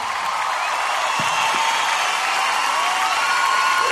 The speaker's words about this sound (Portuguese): Pode aplaudir, gente. Pode aplaudir com tudo.